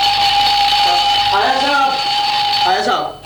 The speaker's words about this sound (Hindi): अबे good morning के लगते अलार्म बंद कर, ये आज अलार्म क्यों लगाया है?